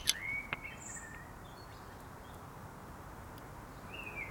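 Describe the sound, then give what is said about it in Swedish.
A Eurasian blackbird sings outdoors, a few clear whistled phrases separated by pauses over a steady background hiss of open air. No one speaks. “Hör nu, fåglarna, jättetydliga. Ja. Men det där är väl koltrasten?”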